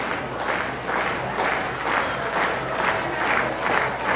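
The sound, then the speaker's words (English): A baseball crowd at a Binghamton Ponies game against Altoona gets on its feet and applauds and cheers with Altoona down to its final strike, a steady, loud wash of noise swelling in a regular rhythm roughly twice a second, like rhythmic clapping, with no clear voices over it. “And the crowd will get on their feet.”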